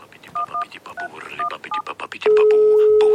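A mobile phone ringtone plays a modern yodel from Switzerland: short electronic beeps mixed with warbling voice-like notes, then ending in a long, steady, loud electronic tone.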